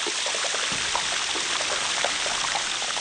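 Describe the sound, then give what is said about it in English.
Air bubbles, pressurized inside glacier ice, pop explosively out of the ice underwater as it flows into the ocean, making a dense, steady crackle of countless tiny pops and snaps, like sizzling or frying, continuous and fairly loud throughout with no voices. “They get to the ocean and they pop out explosively into the water.”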